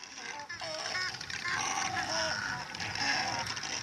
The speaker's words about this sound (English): Those are the sounds of double-crested cormorants. The migratory water birds are hard to miss.